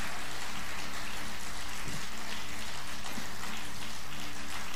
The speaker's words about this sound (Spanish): pero el Señor, vamos, si usted le va a dar el aplauso, dáselo con todas las fuerzas.